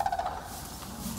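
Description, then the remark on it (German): A captured female Manchurian crane, caught by keepers and vets for a health check, gives a short, rattling call of a few quick pulses at moderate volume, then trails off into a low background rumble. No one speaks. “Und endlich ist ein Kranich gefangen. Es ist das Weibchen.”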